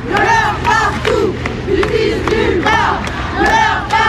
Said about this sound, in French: Des centaines de manifestants présents malgré la pluie avec leurs slogans, leurs pancartes